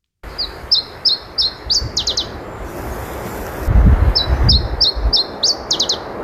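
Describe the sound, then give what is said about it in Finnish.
Iberian chiffchaff song: two phrases of evenly repeated high chirps, each ending in a quicker, sharper flourish, clear over a steady low rumble of background noise. “Kuuntelin sitten netistä nauhoitteita Iberian tiltatin laulusta ja siinä vaiheessa se humahti, että täsmälleen niin kuin yksi yhteen tämä laulu, täsmälleen samanlainen laulu.”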